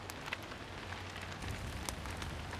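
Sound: rain falling on surface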